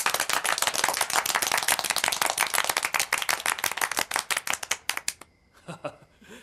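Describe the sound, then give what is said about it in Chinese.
Dense, sustained applause from a crowd at a meeting, many hands clapping at once for about five seconds to welcome comrades of the 2nd and 4th battalions of a surface-to-air missile unit, then thinning out into a few scattered claps before fading to near silence. “这掌声不那么热烈吗？”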